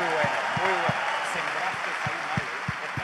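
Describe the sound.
A crowd applauds in a dense, steady wash of clapping for about three seconds, with low rhythmic thumps beating underneath and a few voices mixed in.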